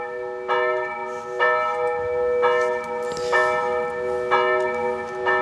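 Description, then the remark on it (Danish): Church bells peal in a steady sequence, each strike landing about a second apart and leaving long, shimmering overtones hanging in the air, clear with no voices. “Ja, det er kirkeklokker.”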